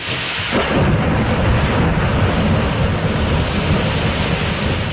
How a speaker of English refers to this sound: Wild stuff out there. We are watching the weather closely tonight as thunderstorms have rolled through the region.